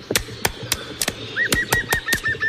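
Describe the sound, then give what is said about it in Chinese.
A great spotted woodpecker pecks a row of small holes in tree bark in spring, in a steady series of sharp taps, about three or four per second, while a thin, repeated bird chirp rises faintly in the background. “大斑啄木鸟在树皮上啄出一排小孔，等待树叶流出。”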